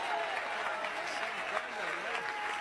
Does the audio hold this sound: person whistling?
no